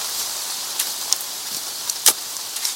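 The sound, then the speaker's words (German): Steady rain hisses in a broad, even wash over rain-soaked ground being dug, with scattered sharper drops and spatters popping through at irregular moments. Nobody speaks. “Laumann und Hamann hatten Mühe, den vom Regen durchtränkten nassen Boden auszuheben.”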